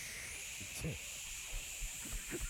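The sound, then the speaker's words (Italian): A voice imitates a stage CO2 spray effect sprayed hard, making a steady, airy hiss that holds for a couple of seconds, with a few soft low vocal sounds breaking in underneath. “Allora io adesso faccio l'effetto del CO2.”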